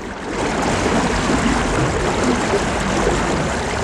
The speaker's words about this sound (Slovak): Já jsem taky opatrný, keď mám jít do podniků, jako je tento, že bude tu veľa ľudí, bude tu možno komercia, ale ta voda, ta všetko prehluší.